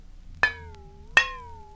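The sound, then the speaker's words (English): A dish is struck twice, about three quarters of a second apart; each sharp tap leaves a clear ringing tone that slowly fades. The sound is isolated, with no talking. “Number 4 was a dish.”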